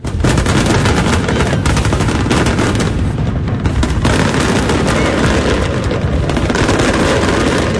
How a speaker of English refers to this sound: The night capped off with a spectacular fireworks display.